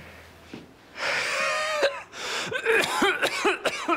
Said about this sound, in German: Starkes Atemgeräusch.